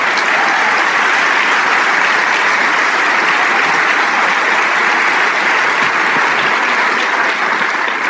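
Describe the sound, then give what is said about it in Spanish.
A church audience applauds for God, the King of Kings, a dense, continuous wash of clapping that holds loud and even for the whole stretch with no voices rising above it. “Y ese aplauso es para el Rey de Reyes.”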